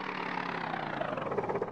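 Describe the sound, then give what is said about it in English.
A small motor of a flying machine, started again with propellers attached, runs with a steady, buzzing whir at even loudness, taking on a faint rapid flutter in its second half before cutting off abruptly. No one speaks. “Okay, start up the motor again and see if it'll still turn these propellers.”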